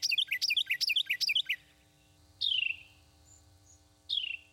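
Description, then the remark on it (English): Birds chirp and sing: a quick run of about six bright repeated notes, then two separate descending whistled calls after short pauses, over a faint low background hum. “He shares wonderful birds.”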